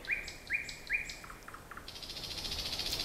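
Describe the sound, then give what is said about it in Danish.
A nightingale sings alone: three repeated whistled phrases, then quick chirps and a rapid, rattling trill, shifting through varied notes with no talking. “Rigtig mange fugle kan kun det samme lille kvittevidt, som de så sætter på repeat i vildens sky, men nattergalen varierer sin sang i, ja, det uendelige, vil jeg nærmest mene.”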